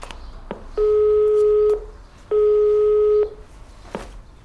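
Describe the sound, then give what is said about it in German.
A school headmaster dials the caretaker's telephone number, heard as two long, steady electronic tones separated by a short gap, with faint clicks before and after. Moderately loud, with no voices. “Der griff sofort zum Telefon und wählte die Nummer von Hausmeister Erwin Maulhart.”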